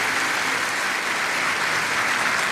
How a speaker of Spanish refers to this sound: ¿Qué tal si le damos un caluroso aplauso de bienvenida a todos ustedes?